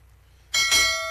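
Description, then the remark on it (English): A quiz show ten-second timer cue: after a quiet moment, a bright bell-like chime strikes suddenly and rings on with a loud, sustained metallic shimmer. No one speaks. “Now, before that, you are likely to hear the 10 second timer.”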